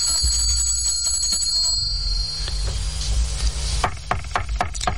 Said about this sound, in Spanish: Camina brevemente por la celda hasta que se le ocurre una idea y tira el cordón de la campanilla.